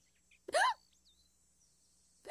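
A single sharp, squeaky hiccup bursts out, rising quickly in pitch, followed by near silence and the start of another sound at the very end.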